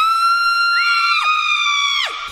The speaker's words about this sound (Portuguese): Ou será que ele para o furacão no grito? Epa!